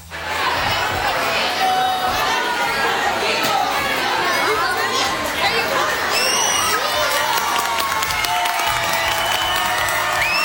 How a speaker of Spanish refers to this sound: Sí, este viernes celebró porque la Escuela México se coronó campeona. Campeona provincial de los Juegos Escolares de Futsal Sub-14 Damas. De hecho, la comunidad educativa de la Escuela México recibió, cómo no, con aplausos a las campeonas.